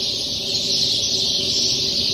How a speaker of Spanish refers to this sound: Es un video de Caldera. Los pajaritos cantando ahí en la plaza de Caldera. A ver, lo escuchamos de nuevo. Se escucha bien, ¿ah? ¿Eh? Amanecieron bien cantores los pajaritos acá, parece. Tan felices.